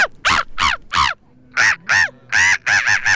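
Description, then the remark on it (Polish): A person imitates a black-headed gull at the third Polish Championships in bird imitation, with loud, harsh squawks: three calls, a short pause, then a quicker run of about six more, with no other talking. “Mewę Śmieszkę mogliśmy usłyszeć na ostatnich trzecich Mistrzostwach Polski w naśladowaniu ptaków.”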